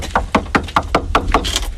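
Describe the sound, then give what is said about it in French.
Someone knocks on the heavy door of the Château de Malin in Burgundy, France: a quick, even series of about seven firm raps, fairly loud, with no voices over them. “Allez, je vais toquer.”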